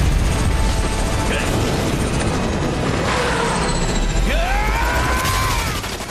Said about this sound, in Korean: 에단의 헬기와 워커의 헬기가 충돌한다. 워커의 헬기는 꼬리 부분이 날아가고 에단의 헬기는 빙글빙글 돌다 서론으로 곤두박질 친다. 워커의 헬기도 추락한다.